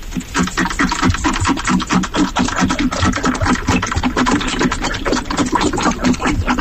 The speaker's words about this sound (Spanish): Claro, yo ahora solo escucho al perro bebiendo agua. Claro, yo ahora ya solo escucho al perro bebiendo agua.